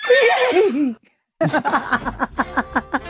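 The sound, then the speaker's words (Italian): A human voice imitates a horse whinny: a loud, wavering neigh, a brief silence, then a run of quick, pulsing nickers that trail off in rhythmic bursts. “Quello secondo me era un cavallo. Senti com'è.”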